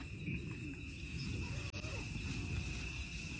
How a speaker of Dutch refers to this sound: Dat is de tent. Ik zou een hele symfonie met tentgeritsel willen horen.